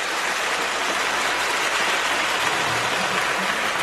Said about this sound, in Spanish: Un aplauso, por favor.